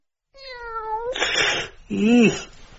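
A cat meows: a drawn-out, falling meow, a breathy, raspy stretch, then a second shorter meow that rises and falls. Loud and clear, with no talking.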